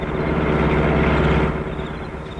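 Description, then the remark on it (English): An approaching car's engine rumbles with a steady low, droning hum, fairly loud, holding level before easing off slightly at the end. No one speaks. “Car is coming. Getting into trees, quick.”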